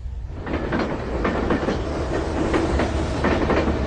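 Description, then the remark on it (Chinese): A passenger train bound for Xinyang in Henan, China, runs steadily on rails, its deep continuous rumble punctuated by a rhythmic clickety-clack of wheels passing over track joints, loud and unbroken throughout with no voices. “在原子弹成功爆炸后的第三天，前三强坐上了开往河南信阳的列车，他改名为徐进，去农村参加劳动。”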